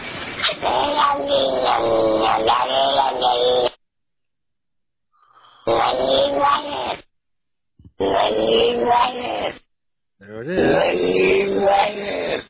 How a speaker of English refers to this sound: Can we hear that cat just one more time? All of it, all the way through.